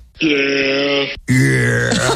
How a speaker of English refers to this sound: By the way, I found a goat noise. That's an actual goat. That's an actual goat. Yeah, sometimes they say yeah when they make noises. It's very strange.